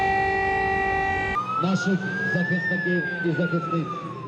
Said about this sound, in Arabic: مجددا تدوي صفارات الإنذار في كييف وفي مدن أوكرانية أخرى عديدة، مجددا يتكرر السيناريو.